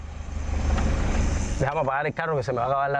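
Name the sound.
car engine idling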